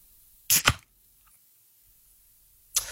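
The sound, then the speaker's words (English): A beer can is cracked open close to the microphone: two quick, sharp pops with a brief bright hiss, followed by quiet and another short crackling burst at the end. “As I crack a can into the microphone here, you tell me if it is beer or soft drink.”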